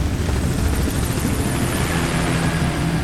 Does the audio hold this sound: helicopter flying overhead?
yes